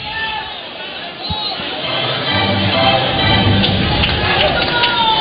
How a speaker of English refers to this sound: Ballpark's thinned out a little bit. Some of the crowd's gone home.